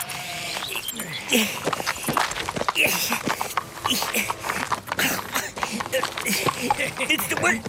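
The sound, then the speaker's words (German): Horse hooves clop and shuffle in a steady, uneven rhythm as the horse keeps walking in circles instead of standing still while someone tries to mount it, with people's voices talking over the steps. “Es würde mir deutlich leichter fallen, wenn euer Pferd mal einen Moment stehen bleibt und nicht dauernd im Kreis laufen würde.”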